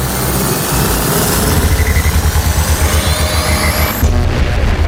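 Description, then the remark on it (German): A loud sci-fi time travel sound effect played on Ego FM radio for a trip back to the year 1970: a dense roaring whoosh with thin tones sweeping upward over a throbbing low rumble, then the high sweep cuts off sharply, leaving the rumble briefly. “Ihr kennt das schon, aber es macht mir einfach viel zu viel Spaß, um nicht jedes Mal diesen Soundeffekt rauszuholen.”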